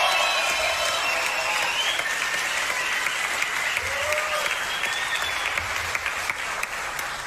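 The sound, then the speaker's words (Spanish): Sustained audience applause, a dense steady wash of clapping from a large crowd that holds at a constant loud level for several seconds with no talking over it. “que ya les pedí un aplauso a la batería.”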